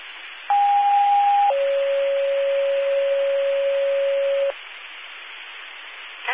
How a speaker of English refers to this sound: Just sent out again, Middleton Fire cancellation page for Tones.